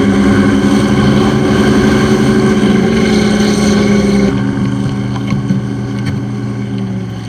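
A steady, loud motorboat engine drone with a deep harmonic hum, holding constant and then easing slightly lower after a few seconds, with faint clicks near the end. No one speaks.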